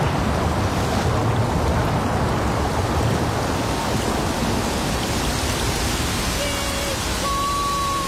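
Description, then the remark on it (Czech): A heavy, steady downpour in a storm roars continuously and densely, with no letup across the whole stretch; faint thin tones surface briefly near the end. “Tohle není žádný liják. Sokol si lítá mezi kapkami”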